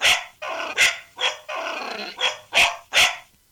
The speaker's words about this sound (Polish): I tutaj będą dwa pieski teraz. Taki... Tego się koleżanki wystraszyły. Aha. I to będzie taki mały piesek jeszcze.